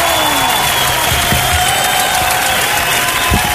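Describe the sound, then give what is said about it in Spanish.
Steady, dense applause from an audience, a loud continuous wash of clapping that holds at an even level for several seconds, with a faint whistle-like tone running through it and no speech. “¡Aplauso, pues claro!”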